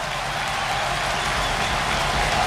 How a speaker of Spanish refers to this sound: Sí, van a entrar el Montero, va a entrar Pulido, va a entrar Dani Rodríguez, sí, cuádruple cambio, y va a entrar, ojo, Álvaro Morata, y está la ovación.